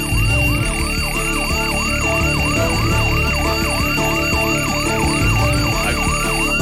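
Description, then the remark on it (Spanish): An electronic alarm clock rings loudly and steadily on the radio morning show Las Mañanas de Uno on Radio 1, 93.9, at 5:30 a.m., its tone swooping up and down in quick, even repeated chirps, about two or three per second, over a constant low hum. “Pare, pues que ya sonó el despertador.”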